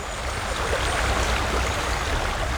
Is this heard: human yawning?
no